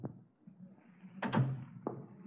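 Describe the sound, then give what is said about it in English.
A door swings shut with a solid thump, preceded by a softer knock and followed by a lighter click, over a low background rumble. “Look, close the door and sit down.”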